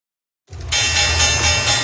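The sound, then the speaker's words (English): The Wall Street stock exchange opening bell rings loudly and continuously in the morning at the start of a new trading month, a harsh, buzzing clang that starts abruptly after a moment of silence, with a low rumble beneath it. “The opening bell rings this morning as Wall Street ushers in a new trading month.”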